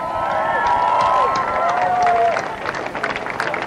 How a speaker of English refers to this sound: Let's give a big round of applause to the main organizers of this march, the Answer Coalition.